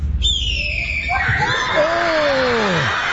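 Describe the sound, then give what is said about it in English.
A boy imitates a red-tailed hawk scream with his mouth: a single loud, raspy, drawn-out screech that starts high and slides steadily downward over a few seconds, with a low background rumble and no talking. “This is what is actually the red-tailed hawk sound.”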